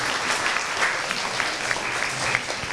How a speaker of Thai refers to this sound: เอาละครับขอเสียงปรบมือให้กับตัวแทนกลุ่มที่3ด้วยนะครับยอดเยี่ยมมากๆ